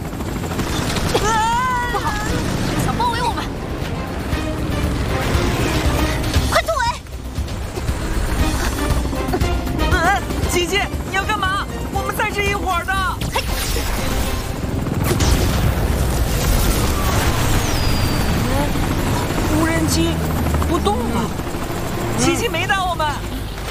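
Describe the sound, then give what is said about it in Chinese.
A dense, loud buzzing swarm of radio-controlled drones fills the scene, punctuated by repeated booming explosions, while excited voices shout over the constant mechanical din. “这无人机怎么跟蟑螂一样，没完没了的？”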